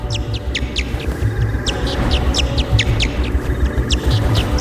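A tiger moth clicks as a bat is about to attack, jamming the bat's echolocation with sound of a similar frequency: a steady series of short, high-pitched ticking chirps, repeating several times per second over a low, rumbling background.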